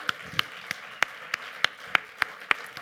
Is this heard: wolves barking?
no